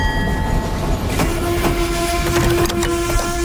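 A train rumbles steadily along the rails with a loud, constant roar and faint clanks, while a sustained low whistle-like tone rises in after the first second and holds.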